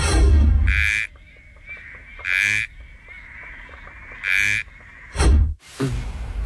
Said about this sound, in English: Here is your first frog.